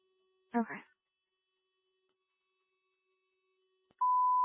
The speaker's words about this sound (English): I think the phone call is coming up.